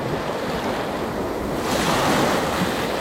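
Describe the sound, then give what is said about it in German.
Steady rush of surf rolling onto the shore with wind buffeting the microphone, a broad continuous roar that swells slightly louder near the end; no voices. “Denn wenn du im Wind stehst und dann über das Meer hinweg siehst, wird der ganze Rest weit.”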